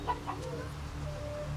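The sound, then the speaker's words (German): A rooster clucks, a low, throaty run of steady clucking that holds at an even loudness for a second and a half, with no voices present. “Doch auch zwei Hähne sind noch einer zu viel.”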